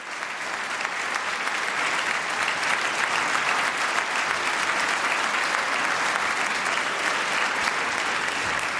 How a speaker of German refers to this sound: das Publikum in der Stadthalle Kleve feiert das Landesjugendorchester und dankt, wie es kann, mit Applaus und Getrommel und Gejohle.